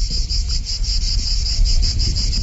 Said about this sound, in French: D'ailleurs, ici, on peut parfois entendre le chant des cigales.